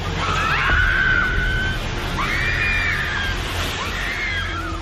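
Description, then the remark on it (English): Several high, drawn-out screams rise and fall over a loud, steady rumbling roar as bystanders cry out. A building housing a Jollibee fast food restaurant collapses during an earthquake in General Santos, in the southern Philippines, with its upper sections falling onto the ground floor and thick clouds of dust filling the street. “Bystanders screamed and retreated as thick clouds of dust engulfed the street.”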